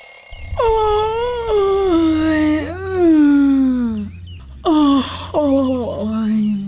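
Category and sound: human body sound, person yawning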